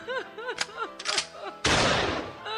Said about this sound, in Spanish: La mujer del campesino lo vio, tomó su rifle y disparó.